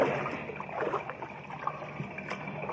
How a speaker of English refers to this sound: Yeah, sounds like a motor of some kind. It must be back outside the opening. The mine's pump engine.